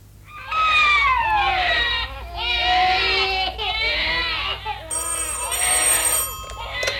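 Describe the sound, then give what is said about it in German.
Several babies wail and cry at once in a hospital nursery ward, loud, their overlapping high-pitched cries continuing in bursts, with a telephone-like ringing tone joining in toward the end. “Die Kinder schreien und auf der Straße sind Lautsprecherwagen.”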